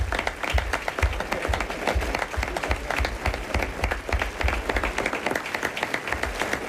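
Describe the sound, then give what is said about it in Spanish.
Sustained applause from an audience for actor Pedro Arnas after a radio drama performance on Onda Cero's Más de Uno, a dense, steady wash of many hands clapping at once, even in loudness throughout, with no one talking over it. “Aplauso para Pedro.”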